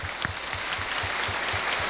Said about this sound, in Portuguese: Uma salva de palmas